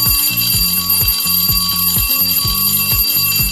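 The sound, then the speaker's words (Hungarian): A loud electronic signal tone repeats in quick rhythmic pulses, an alarm-like beeping pattern cycling several times with no voices, a radio cue signalling the sending of listener messages. “Ez volt a jeladás az üzenetküldéshez.”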